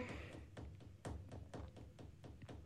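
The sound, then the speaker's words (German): Fingers drum on a tabletop in a quick irregular series of about a dozen crisp taps, some landing in pairs, with no voices over them. “Was machst du da? Mit den Fingern auf den Tisch klopfen, wieso?”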